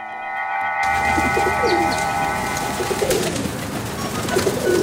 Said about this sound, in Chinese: 爷爷爷爷，快看，天上有一群鸽子在飞。 哼，听到了听到了，不用看，光听声音呢，就知道这是一大群鸽子。爷爷从小就喜欢这个声音。